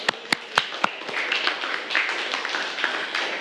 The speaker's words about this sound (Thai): ซึ่งข้อนี้ถูกต้องปรบมือให้กับเพื่อนเลยค่ะ